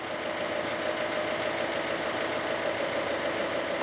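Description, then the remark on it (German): Two new 110 hp boat engines run steadily at idle, a constant throbbing hum with a faint mid-pitched whine, holding at an even loudness throughout with no voices. “Sie funktionieren. 2x 110 PS.”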